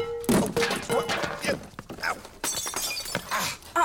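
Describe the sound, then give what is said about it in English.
A ceramic water pitcher smashes, a loud crash followed by a scatter of breaking, clattering pieces over several seconds, with a voice faintly mixed in. “my best water pitcher.”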